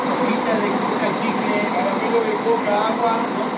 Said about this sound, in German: Vor dem Bahnhof von Salta schnurren 3 Reisebusse vor sich hin.